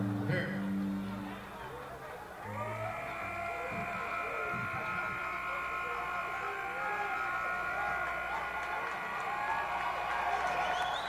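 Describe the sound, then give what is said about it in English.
A crowd's applause and cheering swell into a steady, dense wash of clapping and voices that carries on for several seconds without letting up. “Little applause, boys.”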